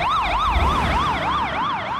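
A loud emergency siren wails in a rapid, repeating rise-and-fall pattern over faint low traffic rumble, holding steady for about two seconds with no voices, as it passes by with a Doppler pitch shift.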